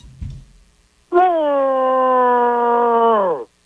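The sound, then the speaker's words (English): A radio caller on CPR imitates an angry 'mad cow' mooing: one long, loud, steady voiced drone lasting over two seconds, sliding down in pitch just before it cuts off. A brief low rumble comes before it. “Can you play a mad cow?”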